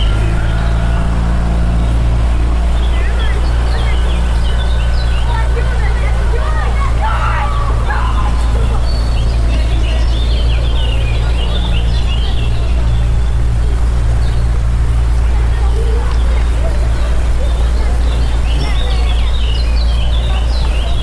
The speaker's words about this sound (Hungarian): Itt fent egyébként a csónakháznál nagyon nagy a sürgésforgás, mert hogy a picik most szállnak vízre